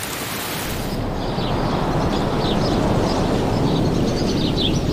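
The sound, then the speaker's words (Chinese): Steady, dense rain hisses evenly throughout, a fairly loud wash of noise, with a few faint high bird chirps poking through in the background. “即使下雨，白冠青鸟也会轮流外出觅食。”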